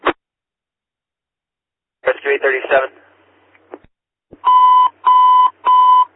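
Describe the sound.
Alert bells ring out in three loud, evenly spaced electronic bursts near the end, following a short crackle of radio voice and some quiet static.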